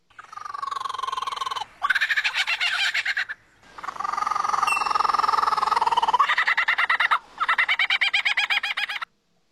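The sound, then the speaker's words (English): A lyrebird mimics a kookaburra's laughing call: loud, rapid cackling bursts in several rolling phrases separated by brief pauses, with no talking. “Here's a lyrebird imitating a kookaburra.”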